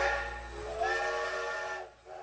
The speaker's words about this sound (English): Hit the train sound effect, better stated.